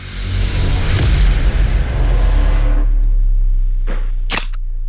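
A soft drink can is opened with loud rumbling handling noise and a fizzy hiss, then two sharp cracking pops near the end, with no talking.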